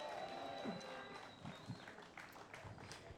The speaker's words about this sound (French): Merci encore. On peut les applaudir. On peut les applaudir. Oui, oui.